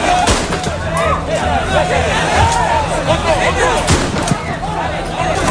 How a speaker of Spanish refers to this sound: Son los disparos al aire por parte de la Policía Nacional, y es que las escenas de tensión se repiten cada tarde-noche.